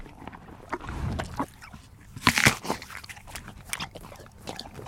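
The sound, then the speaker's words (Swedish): Crisp crunching as the horse Fabulous Fideli, a mare that won World Championship gold, chomps an apple, with several sharp bites and wet chewing in an irregular rhythm, loudest burst near the middle, no talking. “Det är alltså inte jag som äter äpplen nu, Fredrik, utan det är Fabulous Fideli som vann VM-guld här i helgen.”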